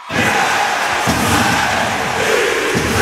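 A loud, sustained roar of an ice hockey crowd cheering and shouting at the Podmežakla arena, a dense wall of voices that stays strong throughout with surging chants and yells, and no single speaker standing out.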